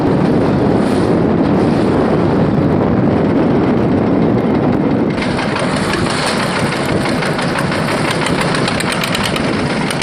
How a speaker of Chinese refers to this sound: 父子几乎每天都出船。今天风大浪急